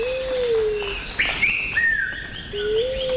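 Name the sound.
birds chirping and singing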